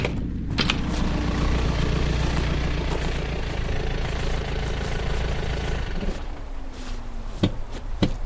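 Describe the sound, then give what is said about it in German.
A car approaches with its engine running in a steady, low mechanical rumble throughout, even in loudness, with a few sharp clicks and knocks near the end. “Da kommt ein Wagen.”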